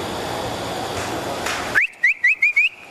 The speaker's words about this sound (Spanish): A veces el ganado se acostumbra al silbío, ¿no? Al silbío. Por ejemplo, llegaba usted y iba a buscar la vaca de ordeño y comenzaba, como diciéndole para el corral, y se ahilaban la vaca. Ese era el silbío.